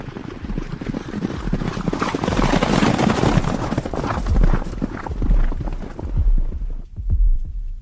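Loud, brisk horse hooves clip-clopping in a steady rapid rhythm, busy, thinning to a few sparser clops toward the end.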